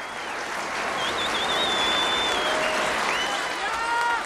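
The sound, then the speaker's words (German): Dubbed-in audience applause, added afterwards to a studio recording made at Studio Hamburg on 28 August 1962; not a live recording. A dense, steady wash of clapping holds loud for the whole stretch, with shrill whistles rising and sliding above it and no voices. “Und auch wenn es so klingt, es ist keine Live-Aufnahme, der Beifall und die Publikumsgeräusche wurden nachträglich hinzugefügt.”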